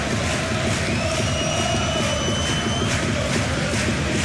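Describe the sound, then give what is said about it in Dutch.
An IndyCar racing car engine, Bruno Martins' Indy, warms up with a steady, loud roar, thin high-pitched whines gliding slowly above a dense rumbling drone the whole time; the warm-up draws applause. “Het applaus dat u hoort is vanwege het warmlopen van Bruno Martins Indy.”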